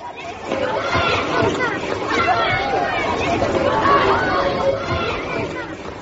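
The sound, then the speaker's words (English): A crowd of schoolchildren chattering noisily all at once, a steady, dense babble of overlapping voices with no single speaker standing out, holding at a fairly loud level throughout. “God, listen to them.”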